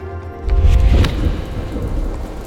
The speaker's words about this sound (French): Des torrents de pluie ont tombé pendant 36 heures sans interruption.